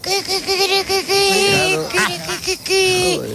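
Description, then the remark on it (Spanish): A woman on Basque regional television (ETV) imitates a hen, with a run of quick, nasal clucking syllables, a drawn-out squawking cackle in the middle, then more clucks. It is fairly loud and voiced throughout, with no other sounds. “Una gallina.”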